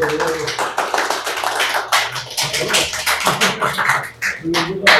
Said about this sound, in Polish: Słuchajcie, to są oklaski po cygańsku, bo nie wiadomo, czy wykład będzie, czy ta prelekcja będzie dobra.